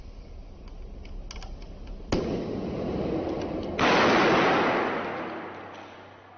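In a firefighters' demonstration, a sealed plastic drink bottle holding a little water and dry ice bursts from the pressure about 20 seconds after the dry ice goes in, with one sharp, loud bang, followed by a rush of hissing noise that surges again and slowly fades. No one speaks.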